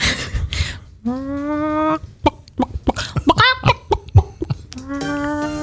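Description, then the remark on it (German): A person does a vocal imitation of a chicken on the Antenne Niedersachsen Moin Show radio programme: a drawn-out squawk, a burst of quick staccato clucks, then another stretched squawk, loud with no other talk. “die total gut Hühner nachmachen kann.”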